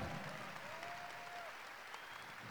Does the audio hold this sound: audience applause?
yes